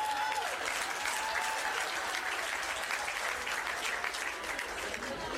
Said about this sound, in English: You ladies are very resilient. Good on you. Round of applause for the women.